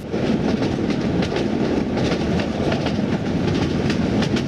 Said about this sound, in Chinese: 把耳朵铁到铁轨上，通过监听火车撞击铁轨的声音轻重来分析敌情，然后就发现了北上的火车声音轻浮，南下的火车声音沉重